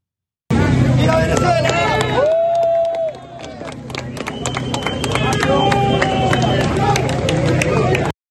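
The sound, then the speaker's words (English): A crowd claps and cheers amid loud overlapping voices and shouts as search teams from El Salvador and Chile pull a 44-year-old security guard from the rubble of a mall in La Guaira, Venezuela, 8 days after earthquakes, with sharp claps scattered through a steady roar of commotion that swells toward the end. “You could hear the applause there as footage showing the search teams from El Salvador and Chile removing the 44-year-old from the debris left by the earthquakes.”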